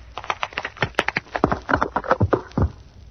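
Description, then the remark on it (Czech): A rapid, irregular series of sharp cracks and knocks, like metal airplane boarding stairs creaking and breaking under a snowman, fairly loud, lasting about three seconds with no voices. “A tohle byly ty schůdky.”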